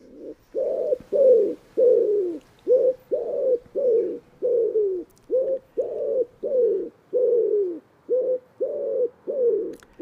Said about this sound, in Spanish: Y en este paisaje abierto aparecen ahora las palomas torcaces, nombre científico, Columba palumbus.